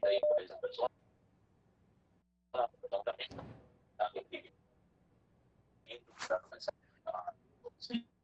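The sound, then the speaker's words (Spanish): A television plays in the background over a phone line: muffled, thin voices come in short bursts separated by pauses, with a faint steady hum underneath. “Si le puede bajar al televisor, por favor, y escucharnos por el teléfono, si es posible, para que tengamos una mejor comunicación, por favor.”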